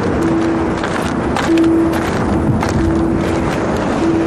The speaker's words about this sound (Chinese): 这里是新疆九大风区之一，哈密北戈壁风区。6级以上的呼啸，是这片戈壁亘古的呼吸。